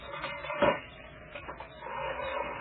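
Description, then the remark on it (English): A wide, heavy hidden stone door in a mausoleum, Ulysses Grant's tomb, opened by a button hidden in the stone wall, grinds open, starting with a dull thump and rough scraping, then settling into a steady, low rumbling slide that continues to the end. No one speaks. “As you see, it opens a wide door.”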